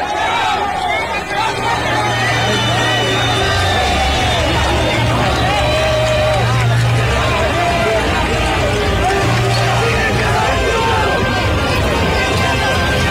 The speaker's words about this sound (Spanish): Y ya al final pues la extraen y de esta manera todo el mundo sueltan aplausos y coloquémosle ahí sí volumen al video, porque quiero que sucedamos esta celebración, este júbilo de alegría.